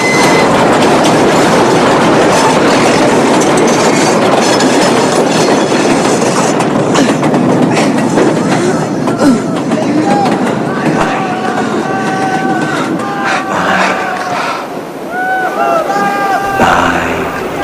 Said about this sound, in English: Michael tries to compose himself to keep a grip on the bar as the train rattles and shakes the whole bridge.